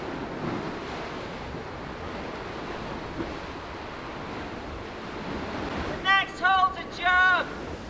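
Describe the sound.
A steady, rushing roar of ocean waves mixed with buffeting wind noise fills the whole stretch, and a few short bursts of raised voices cut in near the end, shouting encouragement to someone climbing high above the ocean.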